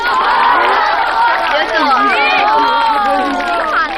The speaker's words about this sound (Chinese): 不过啊，我很欣赏他这种精神，初生牛犊不怕虎，这叫勇气。来给牛犊鼓鼓掌。